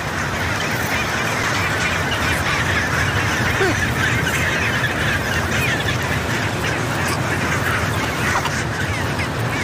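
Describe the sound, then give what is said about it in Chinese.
A dense, continuous din of a breeding colony of chinstrap penguins on a steep slope calling at once, harsh honking and braying cries layered over each other with no pauses, loud throughout. “一只雌性帽带企鹅爬到一半，停下来休息了片刻，又接着往上爬。”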